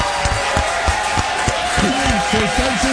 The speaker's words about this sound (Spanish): Se merece unos aplausos.